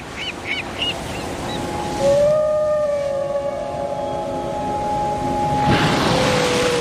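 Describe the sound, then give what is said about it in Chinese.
A Bryde's whale calls with long, drawn-out tonal moans, holding a steady pitch with a slight rise, over a wash of ocean noise. A few short chirps come first. “因为有了这座岛，人们惊喜地发现他们竟然和布氏鲸成了邻居。”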